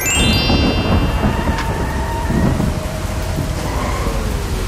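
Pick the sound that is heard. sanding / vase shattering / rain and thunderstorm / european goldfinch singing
rain and thunderstorm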